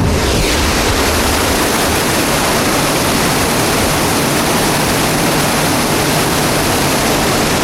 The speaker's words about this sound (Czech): Takto to hučí a hrmí v celej Juráňovej doline. Toto je Bystrý Juráňov potok, ktorý hĺbi obrie hrnce. Tu práve stojím nad jedným z nich, ktorý vydáva takýto hrmotný zvuk.